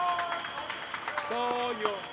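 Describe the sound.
An audience applauds with steady, dense clapping for about two seconds, and a voice briefly rises over the applause toward the end.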